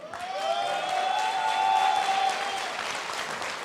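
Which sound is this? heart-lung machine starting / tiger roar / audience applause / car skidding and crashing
audience applause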